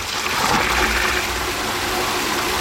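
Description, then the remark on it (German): Water gushes steadily from a tap on a wood-clad filling pillar at a cemetery into the water tank of a self-driving watering robot, a continuous, fairly loud splashing rush with no voices, lasting a few seconds. “Dort fährt Gießbert selbstständig drunter, so dass sich die Öffnung des Wassertanks direkt unter dem Hahn befindet.”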